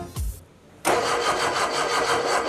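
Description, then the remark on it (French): A newly built, amateur-made car engine cranks with a short whir, pauses, then catches at about 0.8 seconds and settles into a steady, loud idle with a rhythmic pulse. No one speaks. “Démarre pour voir.”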